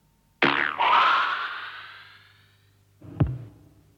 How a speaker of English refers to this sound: The actual release of the arrow is the sound of a thick elastic band being plucked.